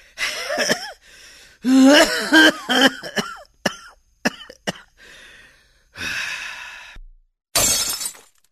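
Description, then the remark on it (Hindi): Hoarse coughing and gasps give way to a few sharp clinks, then a glass tumbler, broken by an elderly man fetching water for himself at home, shatters in bright, crashing bursts with scattered tinkling. “अरे पापा जी ये क्या किया आपने, कांच का ग्लास तोड़ दिया।”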